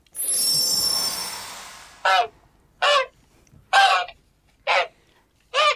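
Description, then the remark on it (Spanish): A whooshing rush of noise fades out, then a goose honks five times in a steady rhythm, loud and harsh, with short pauses between each call and no talking. “¿Otra vez en ganso? ¿En serio? No podía transformarme en otro animal la próxima vez, con lo que odio el foie gras.”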